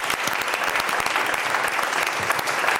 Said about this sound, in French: Déjà, vous pouvez vous applaudir, le public, parce que vous avez bien joué.